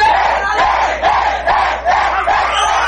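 A crowd of fans at a sports competition loudly chants a battle cry in unison, voices rising in regular rhythmic bursts about twice a second, with a steady roar filling the gaps.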